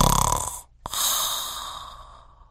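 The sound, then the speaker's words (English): A narrator imitates the giant's loud snore in a telling of Jack and the Beanstalk: a rough, rasping inhale, a brief pause, then a long breathy exhale that slowly fades, with no words. “The giant snored, his head upon his arm on that table”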